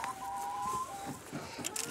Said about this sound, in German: Da treffen sie immer auf die ein oder andere Henne, die die Eier nicht gleich freiwillig hergeben will.